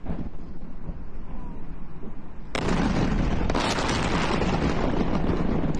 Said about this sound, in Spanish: Los videos que llegan desde Irán muestran explosiones contra infraestructura estratégica. Por su parte, el Comando Central de Estados Unidos informó que se realizaron 90 ataques coordinados en distintos puntos de Irán.